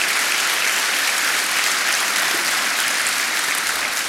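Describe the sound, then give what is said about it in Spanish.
An audience applauds the Lord steadily, a dense, sustained wash of many hands clapping at once, loud and continuous throughout with no voices standing out. “Vamos, si va a aplaudir al Señor, hágalo para Él.”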